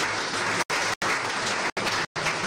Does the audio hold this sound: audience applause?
yes